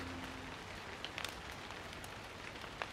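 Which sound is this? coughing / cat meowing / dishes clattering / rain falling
rain falling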